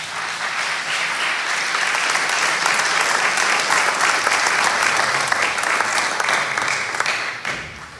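A crowd applauds steadily for about seven seconds, a dense, even wash of clapping with no voices, before it thins and tapers off at the end.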